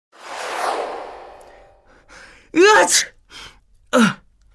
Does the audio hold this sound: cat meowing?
no